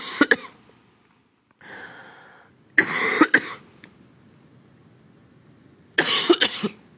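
A harsh coughing fit from someone with the flu: several bursts of rough coughs come in clusters with short breathy pauses between them, the last group loud and raspy.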